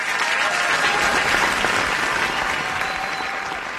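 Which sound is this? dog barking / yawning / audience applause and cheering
audience applause and cheering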